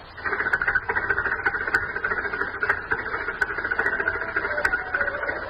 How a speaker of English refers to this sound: Glad we got the engine. That slab weighs about 70 tons.